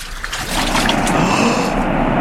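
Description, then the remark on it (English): The waters of the Jordan River, struck with a mantle, rush and surge apart in a loud, sustained whoosh, building slightly after the first half-second and churning steadily to the end, with no voices. “The water! It is parting, and we can cross on dry land.”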